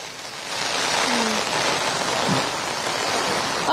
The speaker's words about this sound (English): we are in Pathanamthitta itself, very close to Aranmulla, and you know, since morning it was not raining that much. The rains at ease, but that's not the case right now. 10 minutes ago it started raining, and started raining heavily.